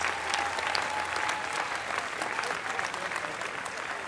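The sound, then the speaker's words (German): Sustained audience applause for Didi, a dense steady wash of many hands clapping at an even loudness for several seconds, with no voices standing out. “Du hörst gleich einen Applaus für den Didi.”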